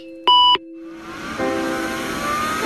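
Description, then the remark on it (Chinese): A single short, bright beep from a computer that is never switched off sounds loud near the start, then gives way to a steady, rising whir of background noise like a running machine. “从不关机的电脑”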